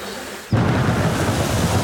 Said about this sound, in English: Don't just sit listening to the rain.